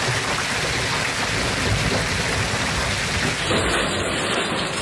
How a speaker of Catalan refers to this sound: Pendents encara de les tempestes que descarreguen amb força el Pirineu i Prepirineu, sobretot a l'Alt Urgell i la Cerdanya, i també al Camp de Tarragona i al Penedès.